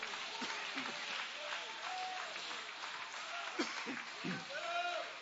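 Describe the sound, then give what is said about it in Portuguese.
A church audience applauds Jesus steadily, a dense wash of clapping that runs the whole time, with scattered voices calling out over it. “Pode aplaudir, é para Ele as suas palmas.”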